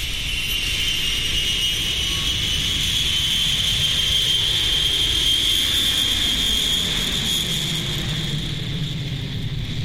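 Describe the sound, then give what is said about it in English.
A steady, loud roar of jet engines fills the space, with a high whine rising slightly in pitch as a passenger airplane powers up and takes off, heard continuously without any voices. “As the plane leaves the earth, many of the passengers turn their heads to look out the window.”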